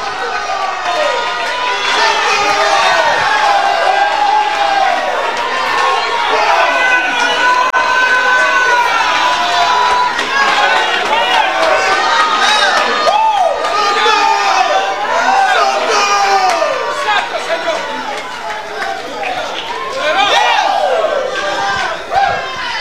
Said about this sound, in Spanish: Yo tengo hipócritas aquí, que cuando viene alguien y predica la sana doctrina, ellos se ponen de pie, gritan, aplauden, se galillan.